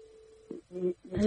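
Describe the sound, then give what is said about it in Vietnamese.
A steady, low electronic tone hums on a telephone line for about half a second as a caller rings back in, then a voice cuts in and speech takes over, sounding slightly muffled as if through a phone. “con thấy là bây giờ cô gọi lại 6410 nữa nè. Đây nè.”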